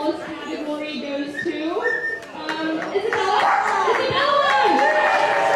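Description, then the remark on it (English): A lively outdoor crowd circled around the Crescent Harbor net shed in Sitka chatters and cheers at the town's first community dog show as a dachshund parades, children's voices rising above the babble with scattered clapping, growing steadily louder and denser toward the end. “The dachshund parades in the middle of a crowd circled around the Crescent Harbor net shed.”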